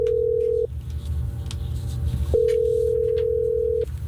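An outgoing phone call from the Hot 104.9 radio station ringing on the line: two long steady ringback tones separated by a pause, heard over a low background hum, with no voices.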